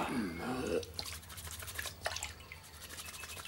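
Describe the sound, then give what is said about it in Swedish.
Someone washes up at a washbasin, with steady rubbing and light splashing of water; a short voice is heard at the start. “Tvätta lite mer.”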